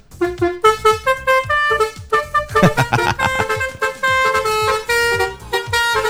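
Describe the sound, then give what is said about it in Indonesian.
A loud musical basuri horn on a bus honks out a quick melody of bright, brassy tones, note after note with short gaps, running continuously for several seconds with no talking. “Nyari basuri ya malam minggu ya, mungkin ada ya yang kegiatannya kayak gitu.”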